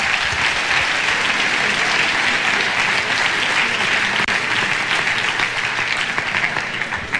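A large audience applauds the Lord steadily and loudly for several seconds, a dense wash of clapping that stays even throughout with no talking over it.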